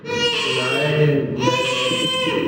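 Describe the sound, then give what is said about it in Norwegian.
Newborn Prince Håkon Magnus of Norway cries loudly in two long, strained wails separated by a brief catch of breath, with no other voices. “Så sette han i å skrike.”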